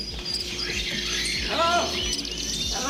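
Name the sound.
birds chirping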